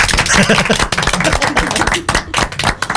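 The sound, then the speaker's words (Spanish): An audience claps in praise to the Lord, a loud, dense burst of many hands striking together, sustained for about three seconds with a brief dip midway and no voices standing out. “Palmas de alabanza al Señor.”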